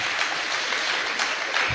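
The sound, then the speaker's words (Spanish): A church audience applauds for Jesus, a dense, steady wash of many hands clapping at once that holds evenly throughout, fairly loud, with no voices standing out. “Démosle un fuerte aplauso a Jesús, al Rey de Reyes y Señor de Señores.”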